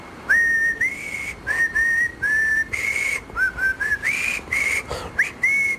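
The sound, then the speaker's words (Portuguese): A person whistles the jingle of the radio show Portugalex, a short, bright melody of quick phrases with brief pauses, clear against a faint background hiss, with no talking. “É o jingle do Portugalex.”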